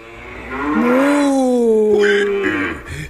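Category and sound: animal, cows mooing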